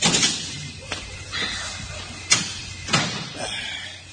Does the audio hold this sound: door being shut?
yes